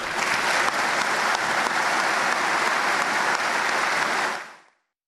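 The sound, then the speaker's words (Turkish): Sustained applause from an audience in a hall at a Veterans' Day (Gaziler Günü) programme, honouring veterans' families: a dense steady roar of many hands clapping at full strength for about four seconds before quickly fading to silence. No voices stand out. “Şimdi hep birlikte bu tarihi mücadelenin sessiz kahramanları olan ailelerimizi en güçlü şekilde alkışlayalım lütfen.”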